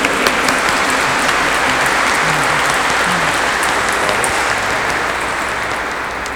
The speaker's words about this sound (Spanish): Démosle un fuerte aplauso a José Manuel.